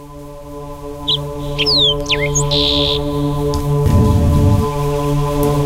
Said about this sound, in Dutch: Daar hoor je ook de merels. En die zijn hier ook.